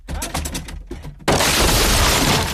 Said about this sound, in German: Junge, Junge, Sie haben die Tür eingetreten.